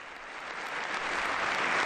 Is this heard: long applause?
yes